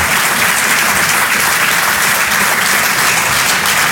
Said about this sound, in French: Merci. On peut l'applaudir très très fort, elle aussi, la Bajon sur les chansons.